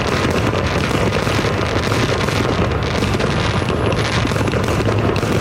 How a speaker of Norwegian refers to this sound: Fyrverkeriene har vært en del av feiringen siden 1777, altså året etter uavhengighetserklæringen.